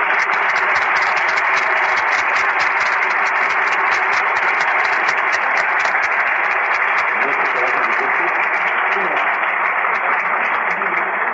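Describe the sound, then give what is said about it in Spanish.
An audience at a congress applauds the event's organizers steadily for about eleven seconds, a dense, loud wash of many hands clapping at once with a bright crackle and no letup, and voices mixed faintly into the noise. “Y para ellos pido un aplauso.”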